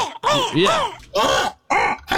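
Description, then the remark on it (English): A person imitates a crow with four rough, gargling caws in quick succession, each a throaty burst with a wavering rise-and-fall pitch, loud and alone with short gaps between. “that kind of gargle sound, I would always do a crow sound like, right.”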